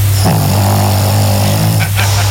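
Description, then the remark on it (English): A small 20-pound Pekingese dog named Sassy snores while asleep at night: one long, loud, droning rasp with a steady low buzz, bracketed by brief breathy snuffles at its start and end. No one speaks. “This is her snoring.”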